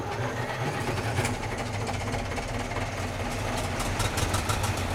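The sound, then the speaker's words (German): A dense, steady rumble of twelve tractor engines running together in an open-air tractor concert, the tractors not really driving, with low throbbing pulses and occasional rhythmic clatter, continuous and fairly loud with no talking. “Das war doch nur ein Konzert. Ein hochmodernes Konzert für 12 Traktoren übrigens.”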